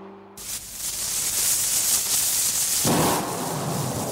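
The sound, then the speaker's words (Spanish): Steady, hissing rain begins abruptly and pours on without a break, joined near the end by a deeper, rumbling roll that suggests thunder. No voices are heard. “Ahí está, entonces, al ritmo de la lluvia empezamos también el programa de hoy,”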